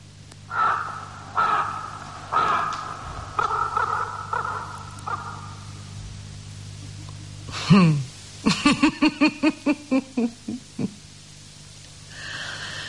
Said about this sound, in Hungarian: Maga a holló is rekedt, mely falaim közé károgja Duncan végzetes útját.